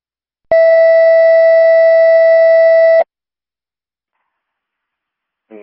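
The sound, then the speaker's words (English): A steady electronic radio paging test tone holds for about two and a half seconds, loud and clear, then cuts off abruptly, followed by silence and the start of another brief tone at the very end. “did you receive tones and audio?”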